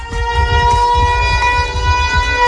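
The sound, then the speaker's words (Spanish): A tsunami warning siren of the kind being tested in Cádiz, Spain, sounds as a loud, steady, sustained tone rich in harmonics, holding one pitch for the whole stretch over a low, rumbling background with no voices. “En torno a las 7, tres sirenas de alerta ante tsunami sonarán simultáneamente en Cádiz, en el antiguo Hospital Real, la Plaza Asdrúbal y el Estadio Nuevo Mirandilla.”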